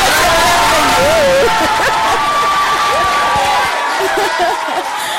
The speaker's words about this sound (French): Applaudis pour nous. Dis au public.